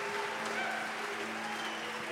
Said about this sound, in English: Man, they start booing you as soon as you walk out here.